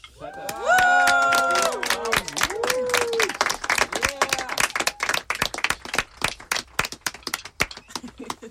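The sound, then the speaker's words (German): A crowd bursts into steady, dense clapping. Loud whooping and cheering voices ride over it at the start, then the clapping carries on alone, thinning slightly toward the end. “Einmal bitte Applaus.”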